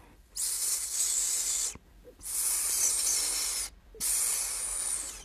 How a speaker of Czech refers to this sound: Josef často usínal za zvuku tichého syčení Ríši, který mu tiše šeptal do ucha.